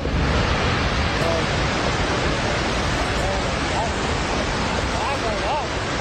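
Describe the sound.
A dense, continuous roar of rushing debris and water from a massive mountain landslide near Lete in Nepal's Mustang district, steady and loud throughout, with faint voices calling out beneath the noise.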